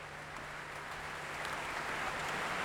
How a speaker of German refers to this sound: Viel Beifall hier für Petr Popelka und das Mozarteum-Orchester Salzburg. Für Petr Popelka ist diese Mozart-Matinee zugleich sein Debüt bei den Salzburger Festspielen.